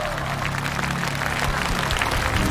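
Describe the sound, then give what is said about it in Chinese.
A concert audience applauds steadily for the electric band, its director Liu Zhuo and the musicians. It is a dense wash of many hands clapping at an even, fairly loud level throughout, with a faint low hum underneath. “同时我们也邀请到了电声乐队，让我们把掌声送给电声乐队总监刘卓和乐手老师们。”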